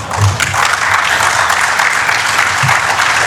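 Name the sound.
applause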